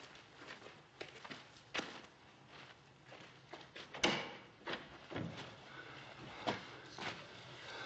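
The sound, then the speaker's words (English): A stable door is opened with a sharp knock partway through, while slow, uneven footsteps thud and scrape at moderate volume. No one speaks. “Don't close the door so we can hear if anyone's coming.”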